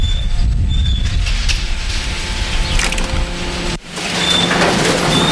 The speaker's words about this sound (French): Alors, ici on est dans le domaine de l'ouvreur de sacs. Hein. C'est une machine qui nous permet de nous ouvrir on va dire 95% des sacs.